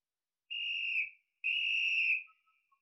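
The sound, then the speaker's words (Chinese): Two long, shrill whistle blasts with a short gap between them, each a steady piercing tone, loud, with no voices, blown by a militia member from a new position to lure enemy troops toward laid landmines. “二曼又换了个地方吹起了哨子，用这种麻雀战配合地雷战是一种极好的打法，用这种办法对付敌人，把他们弄得晕头。”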